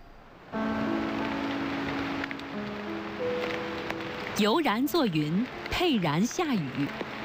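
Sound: rain falling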